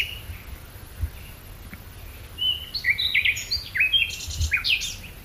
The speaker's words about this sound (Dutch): Ja, het is niet alleen maar disco en partytime daar in Lloret de Mar. Ook prachtige vogels te horen.